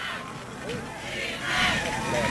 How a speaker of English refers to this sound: And you can hear the Newfane cheerleaders and crowd that made the 2.5-hour drive from across the way. They're riled up on the road.